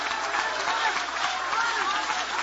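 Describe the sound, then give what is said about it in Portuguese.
A church audience applauds in worship as people come forward to the front, many hands clapping in a dense, continuous wash of sound at an even level throughout, with indistinct voices blended into the noise. “Podem aplaudir, podem adorar.”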